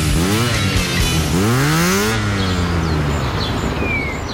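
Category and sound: vehicle, motorcycle engine revving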